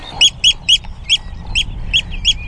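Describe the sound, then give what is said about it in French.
Eurasian oystercatcher calling in the salt meadows of Nordstrandischmoor, a Hallig island, in June, its nest nearby: a rapid series of seven shrill, piping notes in a steady rhythm, loud, over a low wind-like rumble with no talking. “C'est un nutriépi.”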